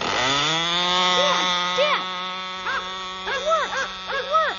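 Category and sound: machine, model airplane engine running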